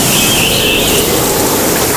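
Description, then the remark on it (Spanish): Steady, loud road noise from inside a moving car, a new T-Roc self-charging hybrid, a dense unbroken rush with a deep low rumble and a faint hiss above, holding level for the whole stretch with no voices. “Pues yo solo oigo la carretera.”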